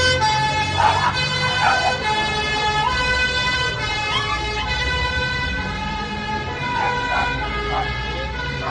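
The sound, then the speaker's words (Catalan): A firefighters' ambulance siren sounds steadily and fairly loudly for several seconds, its sustained tones holding over a low rumble of traffic or engine noise. “Va pujar en una de les ambulàncies dels bombers.”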